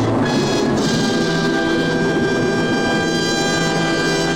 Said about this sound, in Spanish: ¿Oyeron esa trompa?